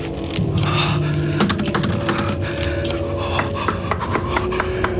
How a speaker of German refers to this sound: Es hieß Kisolova und bestand aus einigen verstreut stehenden Holzhäusern slawischen Stils und einem auf einer Anhöhe postierten kleinen Kloster. Erschöpft und frierend klopfte ich an einem der Häuser.